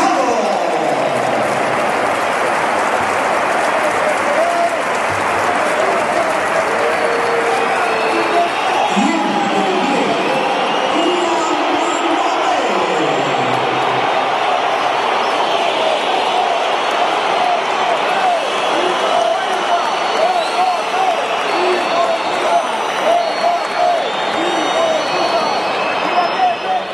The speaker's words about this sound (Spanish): Gritos, insultos, se iba Gonzalo, por eso los primeros aplausos, situamos, y entraba Kylian Mbappé.